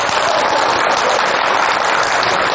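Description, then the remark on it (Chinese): A crowd applauds loudly and steadily, many hands clapping into a dense, continuous patter that fills the whole moment without a break. No one speaks over it. “你看多听，我说大伙儿鼓掌都鼓掌。”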